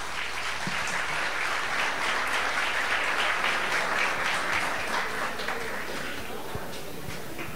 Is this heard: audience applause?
yes